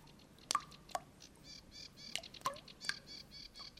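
Meltwater drips from the spring thaw fall under spring sunshine in an irregular rhythm, about five or six crisp plinks with short ringing tones, while small birds chirp and twitter softly in the background.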